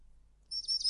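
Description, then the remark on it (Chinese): Small birds chirp in quick, high-pitched bursts that begin about halfway through after a near-silent stretch, twittering continuously to the end. “小鸟，你们也想吃吗？”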